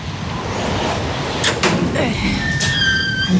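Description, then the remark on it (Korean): The front gate of a house opens at night: it rattles and scrapes open with a couple of short bursts, then gives a thin, high squeal, all over a steady, rushing background hiss. “문이 열리기를 기다리며 숨을 깊게 들이마셨다.”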